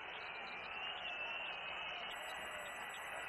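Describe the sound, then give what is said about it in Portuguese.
More than 40,000 fans at Arena Corinthians booing Santos at the end of the first half, with Santos trailing Coritiba 0-3: one continuous, dense roar of thousands of voices that stays loud and steady for the whole few seconds with no break and no individual talk. “Mais de 40 mil vozes vaiando o Santos.”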